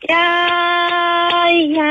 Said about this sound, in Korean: 이 손에다가 이제 약간 나무로 된 그 숟가락 네. 두 개를 이렇게 네. 딱 해가지고 한 손으로 흔들고